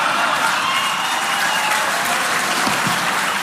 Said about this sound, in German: Das Erschreckende für mich war nicht Steimle. Das Erschreckende war das Gegröhle und Gefeixe im Publikum und das Schweigen von Ulrich Siegmund und Tino Chrupalla, die neben Steimle saßen.